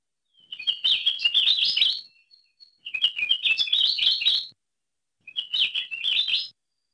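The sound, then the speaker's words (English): ʻAkiapōlāʻau honeycreeper song: three bursts of rapid, high warbling chirps separated by short pauses, clear, with no voices or other sounds. “thanks to the Lohe Lab for the recordings of Akia Pō Laʻau”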